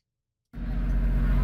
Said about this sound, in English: Ma! Ma! Throw down some money! The ice cream man is coming! Yes, the ice cream truck, it just keeps on trucking.